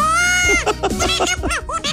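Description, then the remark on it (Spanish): A voice imitates an elephant's trumpet: a loud, high, brassy blare that slides downward, then breaks into a rapid run of warbling, bleating squeals. “¡Un elefante! ¡Muy buen elefante, …!”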